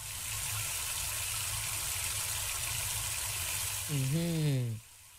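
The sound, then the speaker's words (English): Water runs steadily from a tap with a continuous rushing hiss for washing kitchen utensils and pots; a voice briefly sounds over it near the end, and then the flow suddenly cuts off. “Now, make we run water. We go use take wash all our waiting. All our kitchen utensils and pots, you go to go here, yeah, run water.”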